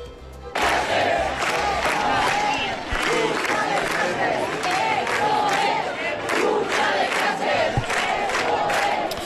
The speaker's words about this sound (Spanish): Os pongo sonido de anoche ante la subdelegación del Gobierno de España en Gran Vía. La Gran Vía se desbordó y este es el clamor de la ciudad.